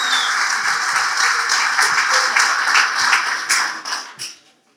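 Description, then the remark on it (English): An audience claps for Jesus in a loud, dense wash of applause that holds steady for several seconds, then thins out and fades to silence. “I want to clap for Jesus.”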